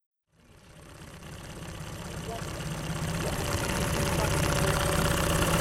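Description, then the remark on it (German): A tourism company's wooden boat with a reed roof drones steadily on Lake Skutari in southern Montenegro after a brief silence, building slightly in loudness and holding a continuous low rumble with a faint rhythmic chug throughout. “Das Brummen, das Sie hier hören, ist das Boot”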